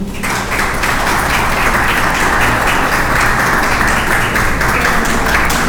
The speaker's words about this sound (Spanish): Les pido un aplauso.